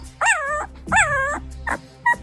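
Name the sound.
puppy whimpering and yipping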